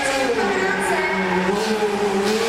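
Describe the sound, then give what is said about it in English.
A stunt car's engine whines loudly and continuously as it spins and skids through 180, 360 and 540 degree turns, its pitch wavering slightly over a steady roar with no voices heard. “Any driver that can handle the 180s, 360s, the 540s better than this guy”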